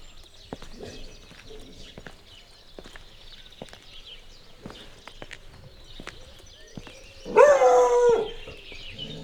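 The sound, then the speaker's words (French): A dog lets out a single loud, drawn-out bark near the end, following a stretch of steady clicking footsteps on a hard surface as someone walks around a house without a doorbell in Pargny-sur-Bois, in the Aisne. “Bon, le chien fera office de sonnette.”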